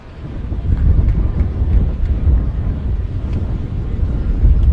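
Steady, heavy wind blowing in off the Elizabeth River in right field buffets a crowd microphone at a baseball game in Norfolk on a beautiful day, a low rumbling roar that surges and dips without pause, with faint crowd murmur barely audible beneath it.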